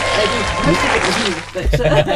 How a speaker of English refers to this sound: Did you hear the claps?